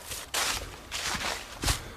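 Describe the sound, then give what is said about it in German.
Footsteps of a person walking downhill into a gorge (the Wolfsschlucht), crunching over loose ground, about three scuffing steps at an uneven, unhurried pace, with no voices and little else around them in the dead silence. “Außer meine Schritte, die hört man.”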